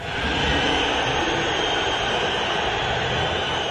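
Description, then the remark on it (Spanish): A large stadium crowd of Atlético de Madrid fans whistles in disapproval at player Julián Álvarez at the end of a match, a dense, steady, high-pitched roar of countless overlapping whistles holding at a loud level throughout, with no voices standing out. “Al final del partido, Julián se fue de la cancha separado de sus compañeros, sin saludar a la hinchada del colchonero, y podemos escuchar los silbidos y lo que dijo al respecto el Cholo Simeone en conferencia de prensa.”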